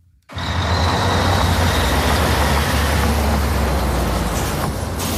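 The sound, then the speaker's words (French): Steady, loud rumble of heavy truck engines, a low diesel drone with broad roadside noise starting abruptly and continuing throughout, no voices; heavy trucks stopped one after another by police for checks at the Beaune rest area on the A6 motorway between Paris and Lyon. “Les poids lourds interceptés par les forces de l'ordre se succèdent.”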